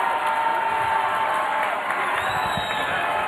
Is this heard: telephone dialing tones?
no